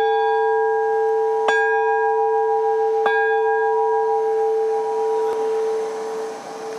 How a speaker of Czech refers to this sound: Zvonář nejdřív připevní lany menší z obou zvonů. Pak do zvonu třikrát udeří, srdce zvonu si bere do ruky a odchází s ním na věž, kde ho teprve umístí zpět.